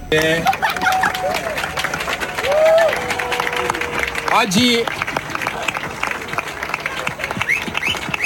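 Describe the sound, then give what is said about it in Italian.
A large outdoor crowd at an open-water sea swimming event applauds steadily, the clapping swelling louder midway as swimmer Gregorio Paltrinieri arrives and greets the crowd, with cheers, scattered whistles and voices mixed in. “Poi gli applausi si fanno più forti, arriva Gregorio Paltrinieri, saluta la folla e si prepara anche lui a entrare in acqua.”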